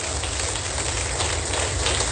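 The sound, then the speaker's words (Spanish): An audience breaks into loud, sustained applause, a dense wash of many hands clapping at once with no single claps standing out, holding steady for about two seconds with no voices. “Ahora suelte un fuerte aplauso.”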